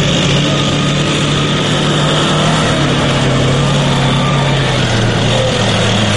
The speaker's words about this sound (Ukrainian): Та вже за декілька хвилин цією дорогою проїжджає техніка, яка потенційно могла стати її ціллю.